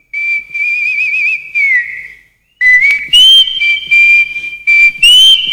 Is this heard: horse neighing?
no